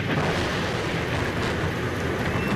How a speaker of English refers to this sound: But the heavy rain and thunder that stormed the Roman skies failed to stop the pilgrims who had come to St. Peter's Square